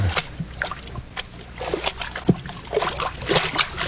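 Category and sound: wading through ankle-deep water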